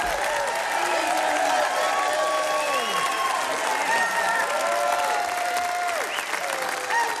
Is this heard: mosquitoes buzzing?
no